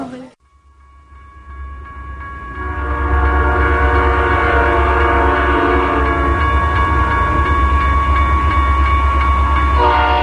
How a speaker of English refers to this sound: Southern Pacific, Costco. Hanjin, Southern Pacific, names splashed in huge letters across corrugated metal skin. Southern Pacific, asynchronous rhythm of boxcars cuts a swath through my urban desert, my dusty neighborhood.